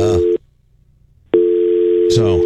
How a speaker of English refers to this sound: You don't hear that? I don't hear anything. Yeah, we hear the dial tone in my ear.